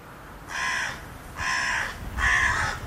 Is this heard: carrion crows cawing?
yes